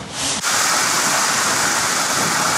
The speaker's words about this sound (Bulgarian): Продължила повече от 1 час. Интензивният дъжд наводни улици и затвори булеварди. Наводнени са приземни етажи.